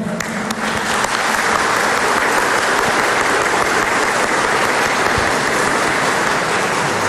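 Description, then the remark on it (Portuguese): A large crowd applauds a cardinal at an event during the novena of Santa Rita de Cássia, a dense, sustained wash of clapping that holds at an even, loud level for several seconds, with no voices standing out. “Peço uma salva de palmas ao nosso cardeal.”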